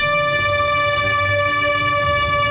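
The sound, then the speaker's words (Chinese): A steady, sustained horn blast at 11 a.m. as a vehicle convoy slowly leaves a square to head east along the Jilin section of National Highway 331 in China, holding one bright, harmonic-rich tone for the whole stretch, loud and unbroken, over a low rumble of engines beneath it. “上午11时，随着一声鸣笛，车队缓缓驶出广场，沿国331吉林段一路向东。”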